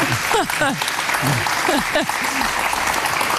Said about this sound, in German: Ich darf jetzt schon klatschen für die Leistung.